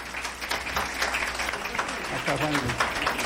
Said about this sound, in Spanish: Bueno, pues aquí está, y les pido un aplauso para Juan Guillermo Cuadrado, por favor.